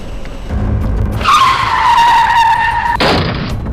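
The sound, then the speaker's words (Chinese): A car's tires skid on a rain-soaked highway with standing water, a loud, sustained screech lasting about two seconds after a brief low engine rumble, then ending in a sudden harsh burst of noise. No one speaks. “雨天高速行车啊，这积水呢容易造成轮胎打滑，酿成事故。”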